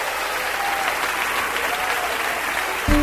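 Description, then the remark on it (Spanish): Steady, dense applause from a large crowd fills the whole stretch, a continuous wash of clapping with no pauses, joined by a low rumble near the very end. “Aplaude la grandeza de nuestro rey.”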